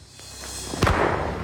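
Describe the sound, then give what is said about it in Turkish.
One sharp, loud gunshot cracks out over a steady low rumble, its report trailing off in a brief noisy decay. “Kit ateş etti. Oraya gitmem lazım.”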